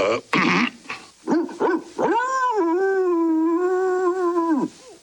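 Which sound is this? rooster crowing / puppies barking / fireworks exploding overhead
puppies barking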